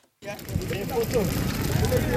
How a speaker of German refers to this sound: Vor dem Eingang dieses Krankenhauses in der kongolesischen Provinz Ituri brennt ein Feuer. Wütende Menschen haben Kartons, Holz und Autoreifen in Brand gesetzt.